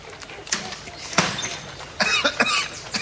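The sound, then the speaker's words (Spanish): A person with a slight cough gives a few harsh coughs: a single cough, then a stronger one, and after a pause a quick cluster of coughs near the end, loud and dry against a quiet background. “Perdón, tengo un poquito de tos, pero ya se me va a pasar.”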